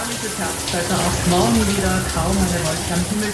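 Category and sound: household object, shower water running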